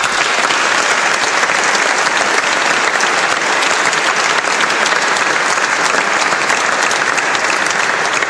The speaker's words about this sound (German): Und ich glaube, Sie haben sich auch einen Applaus verdient.